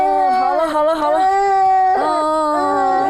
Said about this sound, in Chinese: 都哭，这孩子， 那小孩哭不是正常的吗？